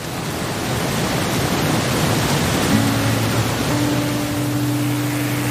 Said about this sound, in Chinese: 只有山里才这么安静，能听到水声、风声、鸟声。